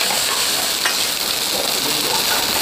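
Locusts stir-fried in a wok together with various meat and vegetable ingredients for a classic Cantonese-style stir-fried locust dish, with a steady, loud, hissing sizzle of hot oil throughout and a brief scrape or clink of the utensil partway in. No voices.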